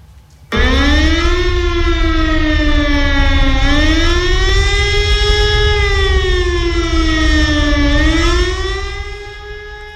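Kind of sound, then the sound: signal or alarm, air raid siren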